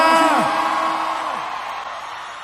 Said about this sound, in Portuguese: Pode bater palma e fazer barulho, Brasília!